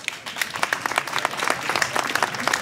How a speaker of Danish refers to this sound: Kære publikum, giv dem alle sammen en hånd.